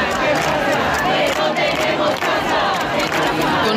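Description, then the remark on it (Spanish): A large crowd in the Puerta del Sol shouts and chants together in a steady, unbroken roar, many voices overlapping loudly for the whole stretch with no single speaker standing out. “Y mientras tanto, en la Puerta del Sol...”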